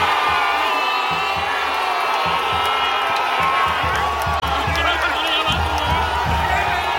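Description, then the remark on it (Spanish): A large crowd of football fans roars and shouts goal, many voices shouting and whooping together in a dense, sustained wall of sound. “¿Qué ocurre en el cuerpo cuando gritas gol?”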